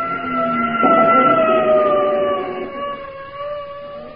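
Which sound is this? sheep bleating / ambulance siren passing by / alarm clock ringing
ambulance siren passing by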